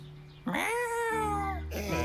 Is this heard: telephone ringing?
no